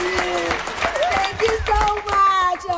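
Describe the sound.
A theater audience at the Theatre of the Almohía breaks into applause for the first tourists of the season, scattered claps crackling throughout while voices call out and cheer over the clapping.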